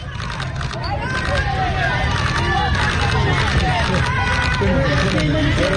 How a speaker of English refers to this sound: This is a crowd on a Bronx street in New York. Listen to these people.